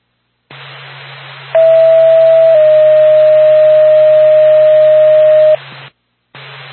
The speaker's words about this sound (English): Tracton Lancaster Ambulance, stand by for tone.